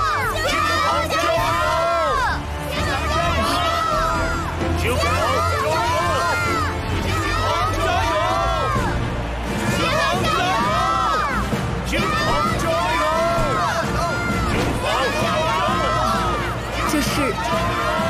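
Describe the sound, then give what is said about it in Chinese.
A large stadium crowd at a racing grand prix cheers loudly and continuously for the racing team, a dense wash of many overlapping voices shouting and whooping with rising and falling calls, with no pauses for the whole stretch. “全场观众都在为我加油。”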